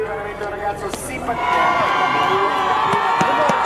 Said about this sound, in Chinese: 下一位登场的选手已经迎来了全场的欢呼声，这是在2届冬奥会都登上领奖台的运动员，来自美国的亚历克斯·费雷拉，平昌冬奥会的银牌得主，北京冬奥会的铜牌得主。